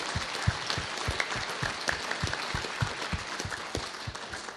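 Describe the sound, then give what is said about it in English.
A crowd claps steadily for several seconds, a dense, sustained patter of many hands with sharp individual claps standing out, moderately loud and close, with no talking over it. “So, ladies and gentlemen, give him a round of applause.”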